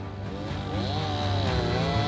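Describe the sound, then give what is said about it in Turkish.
A chainsaw drones steadily into a tree being felled, its motor pitch wavering up and down as the blade bites through wood, loud and continuous with no voices. “Bu ağacı devirmemiz gerekiyor. Bir testere alıp içine bakacağız, tamam mı?”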